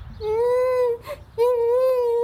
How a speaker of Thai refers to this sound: หนูมานั่งร้องไห้ทำไมตรงนี้เป็นอะไรหรือเปล่าพ่อแม่ล่ะแล้วบ้านอยู่ที่ไหนเนี่ย